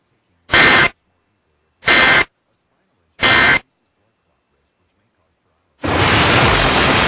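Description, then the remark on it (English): Emergency Alert System test tones broadcast during a test of the system: three short, loud, raspy digital bursts spaced about a second apart, then a pause and a sustained harsh staticky blare that runs to the end. “If this had been an actual emergency, important information would have followed the alert tones.”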